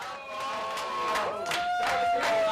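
Manchester City teammates cheer and applaud in the locker room as a teammate arrives with a newly cut short haircut, with bursts of clapping and excited shouting over sustained whoops and raised voices at a steady, fairly loud level.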